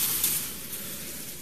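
Heavy rain pours down on a house in a dense, steady hiss, an unbroken wash of noise at an even, fairly loud level with no voices or distinct drops standing out.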